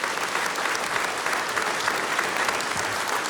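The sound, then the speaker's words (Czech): An audience in a historic hall in Luhačovice applauds as Zlata Adamovská and Petr Štěpánek arrive, a dense, even wash of many hands clapping that holds at a consistent loudness throughout, with no voices heard. “Zlata Adamovská, Petr Štěpánek, a takhle vám tleská tenhle nádherný historický sál v Luhačovicích.”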